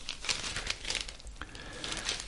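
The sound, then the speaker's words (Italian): A book page is turned to page 25, a crisp papery rustle and crinkle made of a few quick swishes over about two seconds, quiet and with no voices. “Adesso conquisto pagina 25.”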